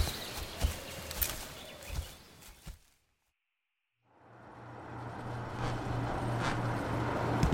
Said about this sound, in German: Das ist doch die winzige Karre